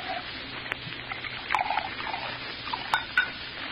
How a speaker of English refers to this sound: Yours? Bourbon. You pour. I don't know when to stop.